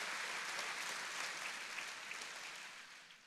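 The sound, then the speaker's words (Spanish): An audience claps together for the Lord in a dense, steady wash of applause that holds for a few seconds and then tapers off slightly toward the end, with no voices standing out. “Puede dar un aplauso al Señor con un fuerte amén y un gloria a Dios.”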